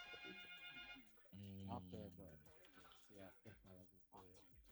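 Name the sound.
incoming phone call ringing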